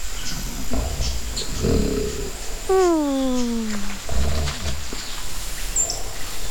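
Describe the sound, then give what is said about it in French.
A cartoonish snore from a family of sloths sleeping upside down, hanging from tree branches: one drawn-out, low, groaning tone that slides downward in pitch over about a second, with softer rumbling breaths before it and no talking. “Doudou, tu entends les ronflements? Qu'est-ce que c'est que ces ronflements?”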